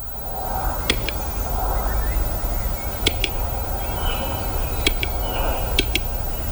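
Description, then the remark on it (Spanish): Western capercaillie calling in the Muniellos Forest biosphere reserve, southwestern Asturias, Spain: sharp, dry double clicks repeat four times at uneven intervals over a steady hiss of outdoor background noise with no voices. “Es el canto de uno de los habitantes, cada vez en más recesión, pero el urogallo sigue siendo el reclamo fundamental”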